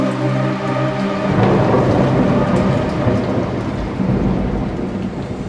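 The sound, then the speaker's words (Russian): Heavy rain pours down in a dense, steady roar while deep thunder rumbles, swelling after the first second and rolling on without pause. No voices are heard. “но ты молчишь под проливным дождем.”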